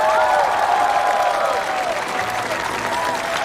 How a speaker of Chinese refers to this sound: 现在用我们最热烈的掌声欢迎第一组悬崖村娘娘模特队登场。